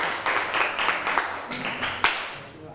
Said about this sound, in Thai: everyone welcome your friend here ปรบมือหน่อยค่ะ